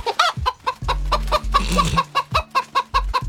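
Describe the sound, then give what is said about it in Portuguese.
Gilda, a hen presented as a fortune-telling chicken on Redação Paradiso, clucks in a quick, steady run of short calls, with a low hum sitting underneath for part of it. “Só aqui no Redação Paradiso, a galinha mais simpática, mais extrovertida, ela dá um banho em qualquer papagaio.”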